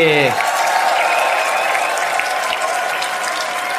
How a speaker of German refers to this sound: Einen riesen Applaus für ….